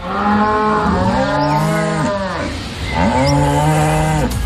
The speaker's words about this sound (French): Ouais, ok, très bien. On a reconnu la vache, mais...